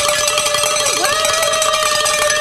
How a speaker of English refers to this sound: we're going to ring the bells for the last hour because we hit it.